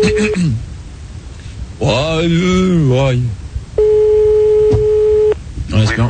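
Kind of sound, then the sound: signal or alarm, telephone call dialing tone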